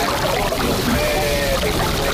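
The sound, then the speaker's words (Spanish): Sea water washing against the breakwater of the port of Bayona, a tourist town in the Rías Baixas near Vigo, Spain, a steady, continuous rushing and splashing with no distinct individual wave crashes. “Estáis escuchando cómo suena el mar contra el espigón del puerto de Bayona, esa localidad turística de las Rías Baixas cercana a la ciudad de Vigo.”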